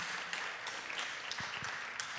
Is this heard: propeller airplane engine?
no